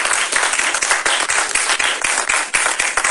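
A crowd applauds steadily, many hands clapping at once in a dense, continuous patter that stays loud and even for the whole stretch, with no voices standing out.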